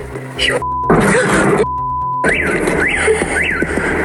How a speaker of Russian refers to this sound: Летит беспилотник.